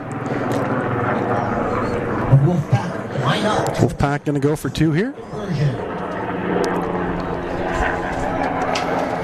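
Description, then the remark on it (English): A military helicopter's low, steady rotor drone passes overhead during a football game, fairly loud and sustained beneath a man's continuous play-by-play talk, with crowd-like background noise throughout. “Little helicopter flying by. Yeah, it looks like a military helicopter.”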